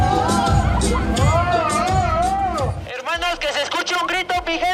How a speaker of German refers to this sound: Die Antwort, Creepy Paste, macht sich nackig. Doch fürs ausgezogene Shirt gibt's für den Maskenmann nur verhaltene Reaktionen aus dem Publikum.